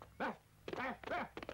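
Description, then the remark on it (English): A person imitates a dog barking with three loud woofs in quick succession, each a short voiced burst separated by brief pauses, with no other sounds around them. “Woof, woof, woof. Bark?”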